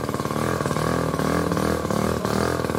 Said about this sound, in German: Klingt wie ein Moped oder wie ein Rasenmäher. Sieht aber aus wie ein Auto. Ja? So Mikrocars sehen wir mittlerweile immer häufiger.